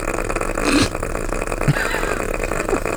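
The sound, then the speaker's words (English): A badger snoring: a low, rough, gurgling rasp that rattles on steadily for a few seconds, with one louder snort partway through and no voices. “I'm saying badger. It was a badger.”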